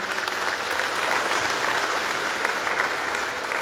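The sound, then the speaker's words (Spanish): A crowd in Bolivia applauds steadily for their commander Evo Morales Ayma, a dense wash of clapping hands that holds at an even, fairly loud level for several seconds with no voices standing out. “Por toda su lucha incansable, que hasta hoy defiende a los movimientos indígenas campesinas de Bolivia, pedirles un fuerte voto de aplauso para nuestro comandante Evo Morales Ayma, compañeras y compañeros.”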